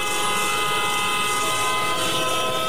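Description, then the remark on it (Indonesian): A loud vehicle horn blares continuously on a road without a break, a steady, harsh tone that holds for the whole stretch with no voices. “dengerin orang klakson di jalan juga harus kuat.”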